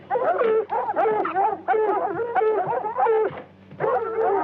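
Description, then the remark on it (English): A pack of wild dogs out of the swamp barks and yips close by in rapid, overlapping bursts, loud and continuous with only brief pauses, some calls rising into higher whining yelps. “Wild dog. Close in by the sound of them.”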